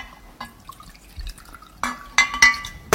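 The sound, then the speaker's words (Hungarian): Spoon stirring 3 tablespoons of cornstarch into 1 deciliter of cold water in a glass: soft liquid swirling broken by several sharp, ringing clinks against the sides, growing louder toward the end, with no talking. “Fontos, hogy a kukorica keményítőt hideg vízzel keverjük el.”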